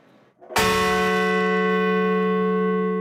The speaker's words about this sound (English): Outside Shanksville, Pennsylvania, bells tolled for the 40 passengers and crew of Flight 93.